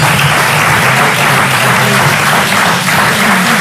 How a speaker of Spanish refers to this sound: Aplauso del Parlamento. Los diputados del Partido Popular están aplaudiendo este último discurso, donde López Miras no ha hecho uso de todo el tiempo que tenía para finalizar,